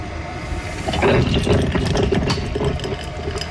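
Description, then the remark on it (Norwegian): A coffee machine in Fredrikstad brews the first cup of coffee: a steady mechanical hum and pump drone under hissing steam, with liquid trickling and gurgling as it fills, a few clicks scattered throughout. “Og det var jo da lyden av den første kaffekoppen som ble laget i en kan ha vært kaffemaskin.”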